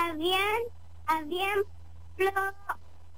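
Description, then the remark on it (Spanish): A hen clucks and squawks in three short bursts of rising, nasal calls separated by brief pauses, fairly loud over a low steady hum. “Solo esto, cuidaba a su gallina.”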